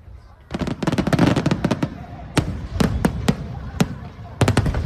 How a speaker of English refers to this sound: Well, an annual fireworks display has been lighting up the night sky in Taiwan.